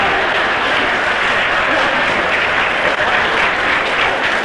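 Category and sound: crowd, audience applauding and cheering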